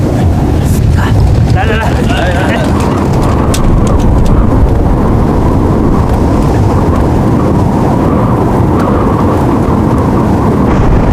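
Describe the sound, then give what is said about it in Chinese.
A powerful typhoon wind roars loud and steady for the whole stretch, a dense, rumbling gale buffeting, while a voice speaks briefly over it. “风这么大，飞机能降落吗？”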